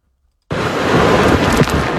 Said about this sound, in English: That is the sound from Tropical Storm Bertha as it makes landfall overnight about 40 miles east of downtown New Orleans. Bertha comes ashore in St. Bernard Parish with 45-mile-an-hour maximum sustained winds and intense rainfall.